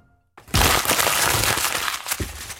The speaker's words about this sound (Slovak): Čo robíš, Breptík? Ten papier už nebudeme potrebovať. To je starý scénár. A prečo ho krčíš a vyhadzuješ?